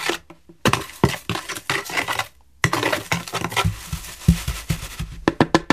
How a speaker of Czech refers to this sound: Tak práškové látky promícháme, stačí krouživý pohyb anebo pomocí lyžičky. Směs promícháme lyžičkou.